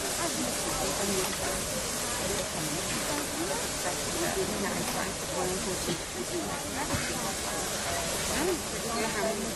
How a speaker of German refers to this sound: Während die Lok jetzt hier auf die Scheibe kommt, kann man schon mal ein paar Worte dazu verlieren. Die Maschine ist eine Dampflok, die dem deutschen Dampflokliebhaber doch schon recht bekannt vorkommen wird von ihrer Gestalt.